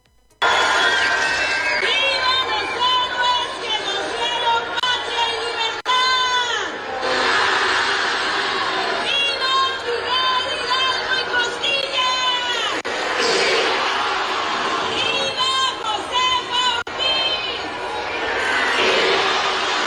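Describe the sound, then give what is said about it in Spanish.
A large crowd in Baja California fills the space with steady murmur while a loud voice shouts patriotic chants at Marina del Pilar's grito, drawing only scattered, half-hearted shouts in reply from the gathered people. “No, está la gente literalmente ni siquiera respondiendo las arengas, ¿eh?”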